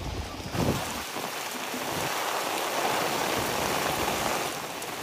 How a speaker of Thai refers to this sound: ส่วนบรรยากาศในกรุงโตเกียวเมื่อวานนี้นะคะหลายจุดก็เผชิญกับฝนตกหนักต่อเนื่องตลอดทั้งวันส่งผลกระทบต่อการทำกิจกรรมต่างๆของประชาชนค่ะ